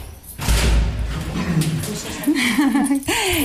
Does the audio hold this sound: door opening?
yes